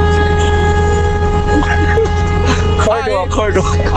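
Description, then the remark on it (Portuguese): A caller in São Roque blares a car horn continuously and loudly for the whole stretch during a honking segment, a steady, unbroken tone, while a voice briefly speaks over it near the end. “O cara buzinou que acordou até a mãe dele, cara.”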